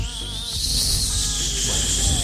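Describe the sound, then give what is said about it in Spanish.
A voice imitates a mosquito buzzing beside an ear, with a continuous high, thin buzzing whine that wavers slightly in pitch and holds steady at moderate loudness for about two seconds. “A ver, mosquito al lado de la oreja.”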